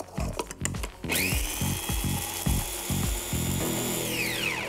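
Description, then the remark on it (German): A blender grinding Timut pepper with a little flour: a short clatter, then a loud, high motor whine kicks in abruptly and holds steady over gritty rattling before its pitch sags as it winds down. No talking. “Ein bisschen Mehl mit dem Pfeffer rein in den Mixer und das alles schön zermahlen.”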